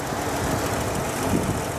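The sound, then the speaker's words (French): A car engine runs rough and steady, its low rumble broken by an irregular thump partway through, as if the engine is misfiring. No one speaks. “Si ça se trouve, de toutes petites gouttes d'essence filtrent par un trou d'aiguille ou par un joint et s'ajoutent par intermittence à la carburation.”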